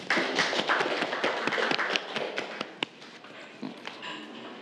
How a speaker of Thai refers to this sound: ปรบมือให้กับเพื่อนเลยนะครับ